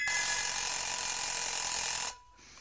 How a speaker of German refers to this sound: Der Wecker.